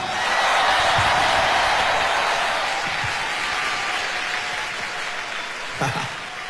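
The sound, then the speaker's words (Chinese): Sustained audience applause for a singer who has just sung the speaker's song, a dense steady wash of clapping that stays loud throughout, with a few faint voices and a brief louder burst near the end. “俾你掌声”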